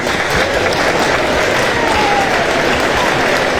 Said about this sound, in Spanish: él es psicólogo y lo recibimos, como es costumbre, con este aplauso.